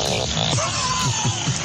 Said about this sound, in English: That, my friend, is a beaver fart.